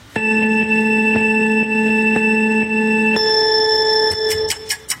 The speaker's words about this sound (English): Okay, now you're going to hear a little 3-second sort of, it's a beep. It's a 3-second countdown. As soon as that countdown's done, your timer starts and you start naming animals, okay?